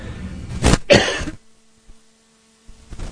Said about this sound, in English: Excuse me, I had to cough.